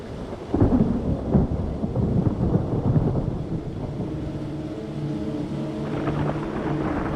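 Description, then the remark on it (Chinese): A thunderstorm rumbles over mountains in the season of frequent thunderstorms, with deep rolling thunder swelling early and then easing into a steady wash of rain; the low rumble stays heavy throughout, and no one speaks. “山地又迎来了雷雨频发的季节。”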